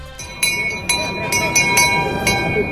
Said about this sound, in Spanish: Es la campana de los niños carrancanos abriendo el cortejo de la procesión del Corpus.